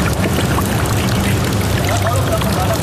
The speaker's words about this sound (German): 3 Etagen tiefer ist es, zwischen meterhohen Metallwänden trocken oder zumindest fast. Da und dort drückt ein bisschen die Seewasser rein.